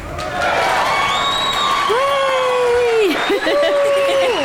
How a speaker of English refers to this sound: So I'm going to give you all a round of applause.